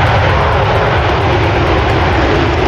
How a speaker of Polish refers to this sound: 5 kolejnych najnowocześniejszych myśliwców świata F-35 jest już w Polsce. Po południu wylądowały w Łasku. Łącznie mamy takich maszyn już 8.